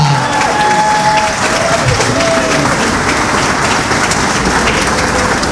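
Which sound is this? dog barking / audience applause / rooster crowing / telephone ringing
audience applause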